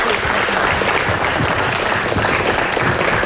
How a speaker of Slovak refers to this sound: Veľký potlesk.